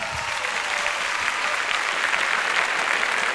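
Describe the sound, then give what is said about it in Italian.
An audience applauds a singer, a dense wash of many hands clapping at even loudness throughout, with no voices standing out above it. “Fate un applauso a ….”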